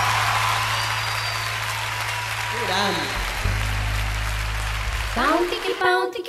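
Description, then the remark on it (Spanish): A crowd claps steadily for a musical trio, a dense, unbroken wash of applause that holds at the same level throughout, with a low hum underneath and a voice briefly rising over it near the end. “Grande el trío, vamos, el aplauso para el trío. Fuerte el aplauso.”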